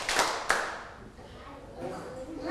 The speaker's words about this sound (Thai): พร้อมหรือยังคะถ้าพร้อมแล้วปรบมือ1ครั้งปรบมือ3ครั้งไม่ได้ยินเลยปรบมือ3ครั้งปรบมือ1ครั้ง